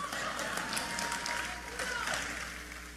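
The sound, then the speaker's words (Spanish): Thin, scattered applause from an audience, a few hands clapping unevenly at a fairly soft level before fading slightly toward the end. “Uy, qué poco aplauso.”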